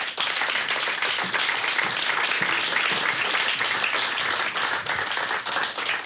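An audience applauds steadily, many hands clapping in a dense, continuous wash of sound that stays loud and even for about six seconds with no voices on top.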